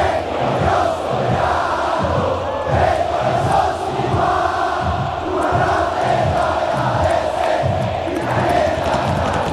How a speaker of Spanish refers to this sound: Y escuchá este griterío, escuchá.